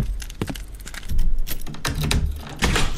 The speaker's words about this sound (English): Let me get those doors open.